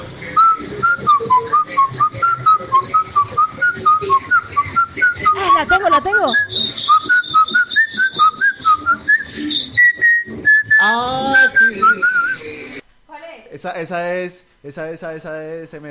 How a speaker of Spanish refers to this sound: escuchando bien el silbido de la oyente, no era la de la mochila